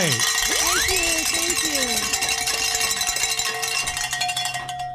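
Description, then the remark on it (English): Bells ring and clang continuously for several seconds, with bright overlapping metallic tones and a few swooping pitch slides near the start. The ringing stays fairly loud throughout. “Ring some bells.”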